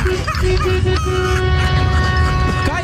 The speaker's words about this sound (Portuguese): Olha o buzinaço aí